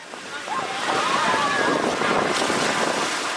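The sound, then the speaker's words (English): Ocean surf washes steadily onto the beach at the Virginia Beach oceanfront on a hot Saturday afternoon, a broad continuous roar that swells slightly after the first second, with faint voices of beachgoers blending into the background. “We're enjoying a beach day at Virginia Beach's oceanfront with family and friends from the Richmond area church on a simmering Saturday afternoon.”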